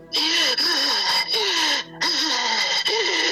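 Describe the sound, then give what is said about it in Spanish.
A voice imitates the breathing the speaker felt above them while lying in a bedroom: loud, harsh, hissing breaths with a groaning tone underneath, coming in about four long pulls separated by brief pauses, with no other talk. “Me hacía así la respiración.”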